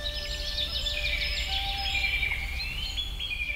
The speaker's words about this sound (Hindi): सुबह पक्षियों के चहचहाने की आवाजें मन को मोह लेती हैं और कहते हैं ना, प्रातः काल सूर्योदय के समय वातावरण में बड़ी सकारात्मक ऊर्जा होती है जो हमारे मन को और शरीर को तरोताजा कर देती है।